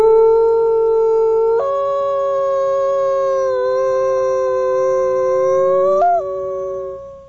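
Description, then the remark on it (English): A single gray wolf howls in one long, sustained tone, rising to a higher pitch partway through and then sliding down and fading at the end, loud and clear with no voices. “You know, I think we actually have a recording of a gray wolf howl.”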